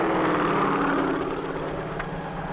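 A steady, loud mechanical drone of a crop-dusting helicopter spreading dust over a field, its rotor and engine whirring continuously with a slight pulsing rhythm and no voices.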